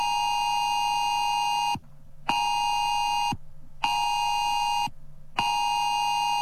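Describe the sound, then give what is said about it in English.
A loud, piercing emergency alert phone alarm tone from Australia's new Oz alert system, played as a drill, blares in long sustained bursts with a steady pitch, broken by three short gaps of silence; no one speaks. “all around Australia, every phone is going to make this sound.”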